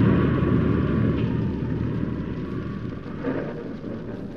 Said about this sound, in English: When the wind and rain struck with a fury I'd never known before, it raged so violently I was forced to take refuge under a huge tree, wait for it to subside.